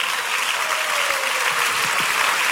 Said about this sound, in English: Oh, Nyame Bena, Nyame Bena, oh, can somebody clap for God of Pega?